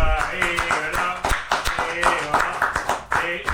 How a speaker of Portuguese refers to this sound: Aqui, ó, é uma salva de palmas